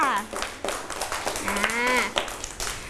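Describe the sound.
A group of children clapping their hands in a quick, uneven burst of applause for a classmate at a teacher's request, with young voices calling out over the claps.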